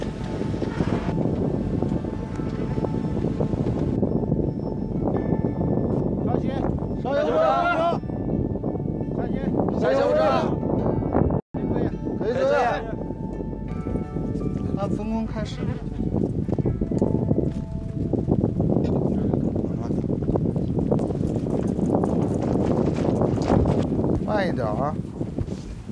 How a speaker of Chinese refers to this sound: 打开桥梁安全通道门，逐级登上百步阶梯，随着高度的上升，耳边只剩呼啸的风声和队员们急促的喘息声。